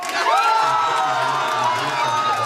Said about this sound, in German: Die AfD in Schwerin auf ihrer Wahlparty im Freudenrausch.